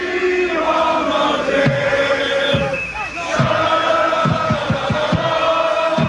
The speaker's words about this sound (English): Have a listen to this from a downtown park. More than 1,000 Morocco fans setting off fireworks and chanting Dima Maghreb, always Morocco, as they sang and danced.